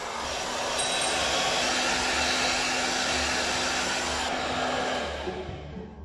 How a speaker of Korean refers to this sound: 자, 여러분, 일단 드라이기 소리가 되게 시끄럽죠. 근데 저는 지금 하나도 안 들려요. 왜냐? 지금 보청기를 빼고 있는 상태인데